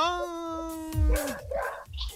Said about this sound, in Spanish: Mira, mira, mira cómo ladran los perros, mira.